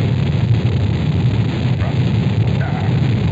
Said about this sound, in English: The engine's now building up to 7.7 million pounds of thrust. We have a launch commit and we have a liftoff. The swing arm moving back. The Saturn V lifting off the power. Alpha pad building up thrust. We clear the tower.